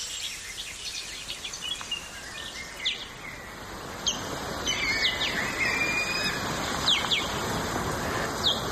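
High, thin squeaking calls of ospreys communicating with each other, four of them flying near Angilsås in Sweden, repeat in short bursts over a steady outdoor hiss, some sharp and piercing, others softer, with no one talking.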